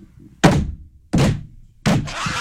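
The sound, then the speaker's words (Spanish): Three loud, heavy knocks on a gate, evenly spaced about a second apart, each a hollow thud with a brief ringing tail, with no one talking. “¿Y entonces que le tocó no al portón, cabrón? Tres veces.”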